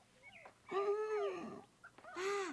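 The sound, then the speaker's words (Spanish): A puppy named Chippy lets out two high, drawn-out yapping cries, the first long and wavering, the second shorter, with faint little squeaks before each and no talking. “¡Es como mi perrito!”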